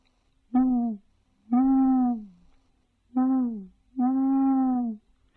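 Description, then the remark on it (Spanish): An owl hoots four times in a short-long, short-long pattern, each call a low, mellow, slightly falling tone, clear against a quiet background. “Y lo que pasa es que los búhos andan por ahí siempre de noche.”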